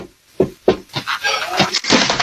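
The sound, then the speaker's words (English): A man on roller skates loses his balance and falls at a house door after ringing the doorbell: two sharp, heavy thuds together, then a burst of clattering and scraping as he hits the ground, fairly loud. “That's the fall.”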